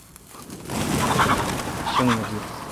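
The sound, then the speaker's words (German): A sudden burst of rustling commotion rises, with a few short, agitated clucks near the end, fairly loud, as startled chickens scatter and run off from their enclosure. “Kommt mal schnell, wir müssen die Hühner wieder einfangen.”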